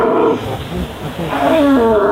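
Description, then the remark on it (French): A red deer stag belling its rutting call: one long, deep, throaty roar that swells and strains upward near the end, loud with nothing else competing. “À quelle saison on entend le mieux, quelle saison est idéale pour entendre le brame du cerf qui est celui-ci?”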